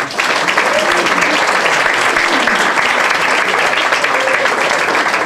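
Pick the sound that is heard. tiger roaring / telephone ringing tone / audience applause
audience applause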